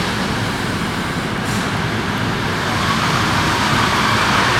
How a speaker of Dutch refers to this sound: kijk, daar komt echt een treintje met Jan binnen. Ja, de hondenkop. Ja, de hondenkop. Dat mooie ouwe, dat hoor je ook mooi binnenrijden. Nou, de remmen piepen zo, wacht maar. Nou, valt mee.